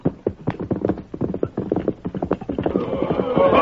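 About half a dozen horsemen trot alongside two covered wagons as an escort, their hooves clip-clopping in a quick, overlapping clatter that stays steady throughout, with a horse's whinny rising over the hoofbeats near the end.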